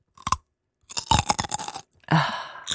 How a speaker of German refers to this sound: Mensch, du isst ja immer gerne in Calls oder Konferenzen, fängst du immer plötzlich an, irgendwas richtig Knackiges zu essen, Apfel oder Möhre oder so.